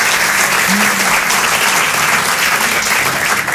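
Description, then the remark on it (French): A crowd applauds steadily, a dense wash of many hands clapping at once, loud, holding at the same level for the whole few seconds without fading. “Avec les mains, ouais, c'est mieux.”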